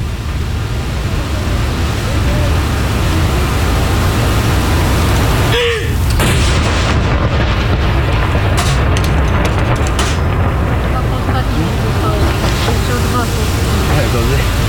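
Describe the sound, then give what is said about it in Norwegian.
A single saluting cannon shot, the first of a salute fired at Akershus Fortress under the commandant's lead, booms once partway through, a short sharp blast set against steady, heavy wind or surf-like noise that persists throughout. “Og det kommandanten da, som leder denne avfyringen av disse salutene. Første kanon!”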